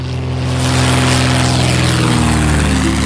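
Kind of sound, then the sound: vehicle, propeller airplane engine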